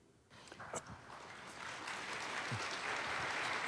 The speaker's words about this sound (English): I'm clapping you before you say anything.